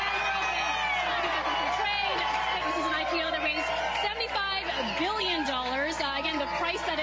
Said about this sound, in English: A lot of energy in the room. You can tell that there is applause, excitement, hugs, smiles.